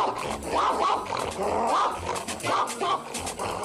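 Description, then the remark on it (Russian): A boxer dog, spraying saliva, barks and growls at the fast-walking feet of a couple passing by, in a steady run of loud, rough bursts, the snarling rumble carrying between barks with no pause for the full few seconds. “Брызжа слюной, боксер лает на быстро идущие ноги.”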